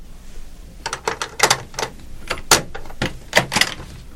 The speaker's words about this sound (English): When I open the door, come in, quickly.